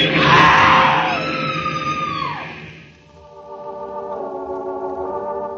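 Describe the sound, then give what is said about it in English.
A woman lets out a loud, high scream that wavers and falls away over a couple of seconds at a train platform as a train grinds to a stop, followed by a steady, droning metallic tone. “A woman screams.”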